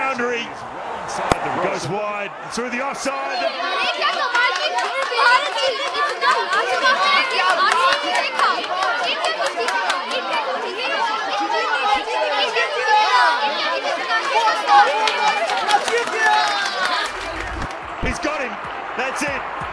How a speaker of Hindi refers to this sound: भीड़ की बातों को ध्यान से सुन रही थी।